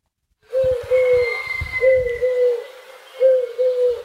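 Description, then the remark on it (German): A pigeon coos in low, hollow notes, three short phrases of two or three hoots each, set against a faint steady background hum. “Ach, dann ist es die Taube.”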